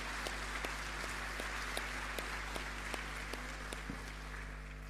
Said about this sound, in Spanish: Mira, ya tenemos una mamita de gemelas o gemelos. ¿Dónde más? Un aplauso.